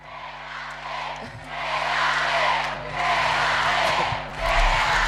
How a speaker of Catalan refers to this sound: Crits de quédate per Alexia Putellas.